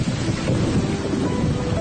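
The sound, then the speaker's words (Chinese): A deep, continuous rumble of thunder rolls over a steady hiss of heavy rain, fairly loud and unbroken throughout the short stretch. “电闪雷鸣时，若正在户外，怎样防雷？”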